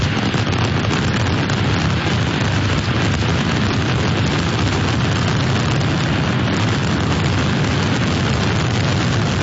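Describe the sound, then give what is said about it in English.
A fireworks grand finale, with loud booms and pops firing in rapid, overlapping succession into a dense, continuous roar that never lets up. No one speaks. “The grand finale. Really loud, really booming, and really colorful.”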